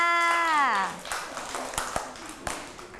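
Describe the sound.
A drawn-out voice with a falling pitch gives way to a few scattered, uneven claps from children applauding a classmate in class, sharp and irregular rather than a steady round of applause.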